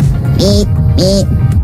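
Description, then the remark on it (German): A 12-year-old boy imitates a woodcock's call twice. Each call is a short low croaking note paired with a thin, hissy squeak, separated by a brief pause over a steady low background rumble. “Die Waldschnepfe. Oh, ist sie da?”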